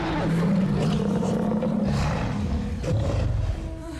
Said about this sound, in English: They hurry away from the Spinosaurus, who roars his frustration.